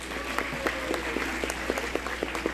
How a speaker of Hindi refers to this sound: बड़े सम्मान के साथ मैं मंच पर आमंत्रित करता हूं जोरदार तालियों के साथ